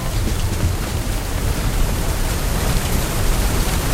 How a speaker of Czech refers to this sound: Prší. Taky u vás prší.